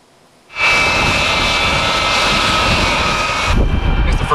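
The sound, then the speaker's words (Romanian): A NATO AWACS surveillance aircraft's jet engines roar in suddenly and hold at a loud, steady rumble with a high whine, continuous, with no voices, as it lands at Lea Varna Air Base in Latvia. “time that the NATO AWACS has landed at Lea Varna Air Base in Latvia.”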